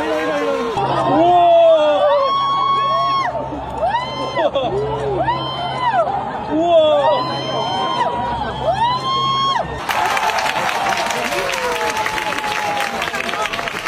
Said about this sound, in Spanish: El sonido del eclipse en Vizcaya. Aplausos, gritos en las calles, en los montes, en las campas y en las playas del territorio. Aplausos y emoción durante el momento en el que la luna cubría totalmente el sol.